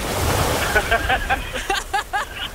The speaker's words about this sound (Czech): Hele, jsme v Chorvatsku na Viru. Ty vláho, vy se máte, počkej, já normálně slyším to moře.